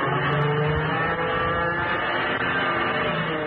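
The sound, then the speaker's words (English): A fighter plane engine roars loudly and steadily throughout as the plane loops to get behind another aircraft, a dense, droning whine with a slight rising pitch, continuous with no voices. “Gonna see if I can loop and get behind him.”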